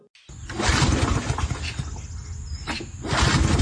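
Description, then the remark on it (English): A lawn mower's small gas engine sputters and cranks in loud, rough bursts, dies down, then strains again without catching as it fails to start. No one speaks. “Instead of fixing that mower, why don't we just call Jandai Services?”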